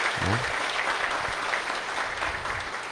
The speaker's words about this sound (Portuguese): Uma salva de palmas para o nosso Frei.